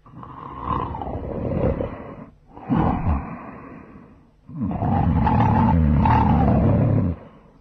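Loud, deep snoring in three long rumbling bursts, each a heavy rattling breath with short pauses between, the last one the longest and steadiest. No one speaks.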